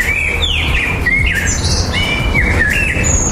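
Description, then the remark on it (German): Several birds sing at once, a steady stream of bright chirps and whistled phrases overlapping throughout, clear over a low, constant background rumble. “Im Frühjahr singen Vögel nämlich besonders viel, um ihr Revier zu verteidigen und Partner anzulocken.”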